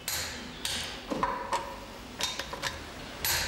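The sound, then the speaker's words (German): A torque wrench clicks as it slips on reaching its set torque while screws are tightened, giving a series of sharp, bright metallic clicks at irregular intervals over a low mechanical rattle, with no voices. “Diese Schlüssel rutschen beim Erreichen des eingestellten Drehmoments durch, was man auch ganz deutlich an den entstehenden Knackgeräuschen hören kann.”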